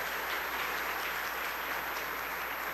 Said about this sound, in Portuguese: Uma salva de palmas para o nosso veterinário, que bom.